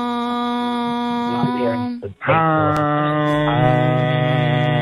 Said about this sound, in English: Guys, we're going to try to do a group hum to get you in the draw